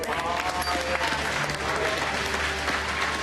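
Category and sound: crowd, audience applause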